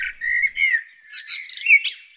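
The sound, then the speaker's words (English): A recording of a blackbird singing a rich, fluting phrase of varied whistles and chirps that rise and fall sharply in pitch, heard clearly with no voices. “What have we got here? Blackbird.”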